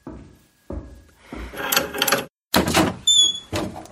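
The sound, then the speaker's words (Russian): A few soft, muffled footsteps are followed by a butler opening the door of a diplomat's home on the second floor, with clattering, scraping and latch sounds. The sounds come in uneven bursts, with no one speaking. “Дверь долго не открывали, наконец послышались приглушенные шаги.”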